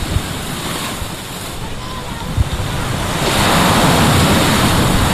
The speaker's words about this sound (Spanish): Vamos a transmitirles con el sonido de las olas.